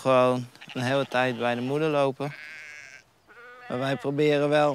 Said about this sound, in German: Wir haben 30 Schafe. Normalerweise bekommen sie im April zwei Lämmer und die bleiben dann eine ganze Weile bei ihren Müttern.